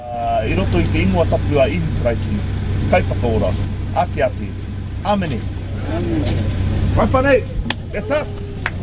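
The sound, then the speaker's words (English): A steady low engine rumble from a queue of cars idling in the car park at Mangere Centre Park, Mangere, drones throughout while people talk and call out over the top of it, as volunteers get ready to serve the queue. “getting a team of volunteers ready to serve the queue of cars snaking around the car park at Mangere Centre Park.”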